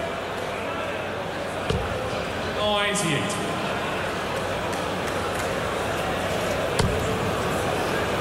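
Darts thud sharply into a dartboard during a darts match, two crisp hits several seconds apart, the first landing high in the treble, with a brief rattling sound between them over a steady murmur of background noise.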